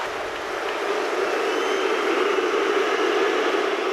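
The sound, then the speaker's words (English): A large football crowd at Anfield in Liverpool boos the arriving City team loudly and continuously, a dense, steady low drone of many voices that holds at the same level for the full four seconds with no speech over it. “The team were met by boos in Liverpool this afternoon. Take a listen to this crowd reaction from Sky Sports' match coverage.”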